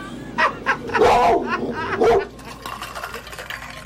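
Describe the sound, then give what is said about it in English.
A dog named Zora vocalizes loudly: a couple of short barks, then a longer, drawn-out yowling bark and another burst, before fading into quieter background noise. “She may think that is a weapon as far as the microphone is concerned, and she's really trained.”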